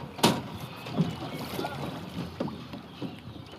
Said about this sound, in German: Die haben dann ihr Boot rausgetragen und sind auf den Main, um zu trainieren.